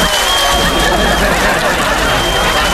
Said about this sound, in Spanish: Sí, pero un aplauso.